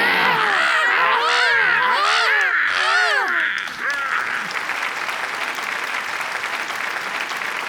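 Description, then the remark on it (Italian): A loud burst of harsh cawing, like a large crow, with several rough calls overlapping for about three seconds before giving way to steady applause. “L'uccellone arriva con calma, ma con me non riescono.”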